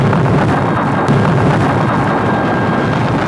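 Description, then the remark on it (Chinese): A loud, sustained rumbling roar of a mountain-clearing blasting explosion at the Shekou Industrial Zone in 1979 fills the whole stretch, dense and gritty, with debris-like crackle riding on top and no voices. “1979年，蛇口工业区的开山炮声为经济特区建设拉开序幕”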